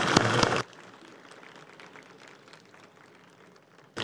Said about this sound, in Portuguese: Muito obrigado, relator do projeto, senador Fabiano Contarato. Merece as nossas palmas.